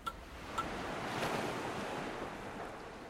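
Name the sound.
ocean waves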